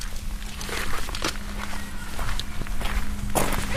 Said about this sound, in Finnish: Ja tämä nauhoitus alkaa jo nuorisoseuran pihalta. Alkaako nämä meidän keikat aina sillä, että auto on viljyään kiinni? Ja sitten kuuluu tämä lukitusääni.